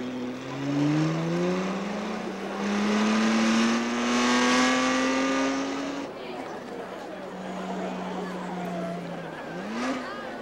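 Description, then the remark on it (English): Several race car engines start up and rev loudly, their pitch climbing in long sweeps before settling into a lower, steady drone, with a background murmur of crowd chatter. “Ladies and gentlemen, boys and girls, start your engines.”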